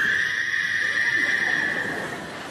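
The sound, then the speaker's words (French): Frogs croak in a steady, high-pitched trilling chorus that holds at an even volume throughout, with no voices present. “Alors j'ai mis une grenouille, bon, pour la peur.”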